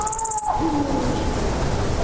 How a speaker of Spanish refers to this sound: yo creo que vamos a escuchar un sonido que es el sonido para mí más importante que se puede escuchar en la naturaleza en Europa, que es el maullido de celo del lince ibérico.